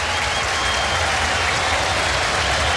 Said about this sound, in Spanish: Vienen los cambios en la U. Se va Arangui. Se va el capitán. Escuchemos el aplauso.